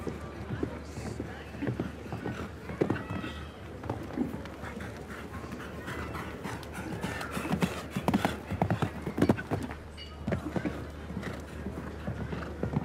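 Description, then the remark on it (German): A horse canters in a steady three-beat rhythm during a show-jumping jump-off, a young horse without much experience ridden slowly and calmly, its hoofbeats thudding loud and repeated throughout, with a person talking alongside and faint crowd noise underneath. “Lässt so ein bisschen mehr Gleichmäßigkeit, Ruhe im Galopp, weil das Pferd auch noch nicht allzu viel Erfahrung hat, diesem Level eben und besonders in einem Stechen.”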